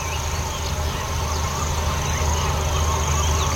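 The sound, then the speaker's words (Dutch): A busy outdoor morning chorus on the island of Schiermonnikoog: barn swallows and house martins twittering, oystercatchers piping and black-headed gulls crying, calls overlapping continuously, with a grasshopper warbler trilling in the distance over a steady low background hum. “En de boerenzwaluwen, huiszwaluwen, schollexters, de lachende meeuwen.”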